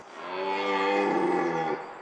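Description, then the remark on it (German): A red deer stag in a wildlife park roars during the rut in one long, deep, strained bellow that holds steady for nearly two seconds before cutting off. It is loud, with no voices. “Das Röhren ist im ganzen Tierpark zu hören.”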